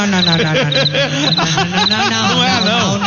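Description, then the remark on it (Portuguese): Short bursts of cricket chirping repeat in quick pulsing groups, high and thin, over a busy layer of voices and laughter talking underneath. “O bicho de hoje é o grilo.”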